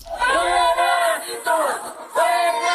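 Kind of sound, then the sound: crowd, protest crowd chanting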